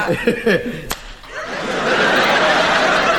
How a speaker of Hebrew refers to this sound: מכת אגרוף בבניין של המועצה.